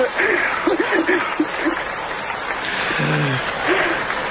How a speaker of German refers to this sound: Ja, und Applaus noch mal hier.